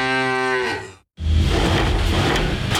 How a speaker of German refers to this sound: Finde eine der noch vier verbleibenden Muhenden Müllermilchflaschen und gewinne 50.000 Euro.